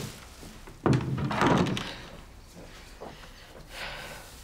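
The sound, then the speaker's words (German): A door is pushed shut with a single solid thunk, followed by a brief rattle fading away, then a quiet room with a faint shuffle near the end. “Und mach die Tür zu.”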